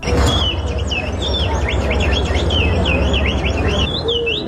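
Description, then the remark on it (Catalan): A person in a bird-imitation contest whistles an imitation of a bird call, a steady run of rapid chirping, warbling phrases repeated back to back over a constant low rumble of background noise. “Que són persones reals. O sigui, són ells imitant els ocells.”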